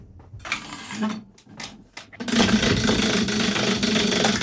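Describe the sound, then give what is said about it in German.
A few short scraping bursts, then a prize wheel on the SRF Kids show, spun hard, whirs into a steady, dense mechanical rattle of rapid clicks that carries on at an even loudness to the end; the wheel lands on cinema vouchers. “Wie fest soll ich drehen? Ganz fest.”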